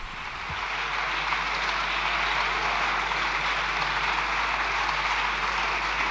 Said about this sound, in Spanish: Agora están os deputados populares aplaudindo a intervención de Núñez Feijóo.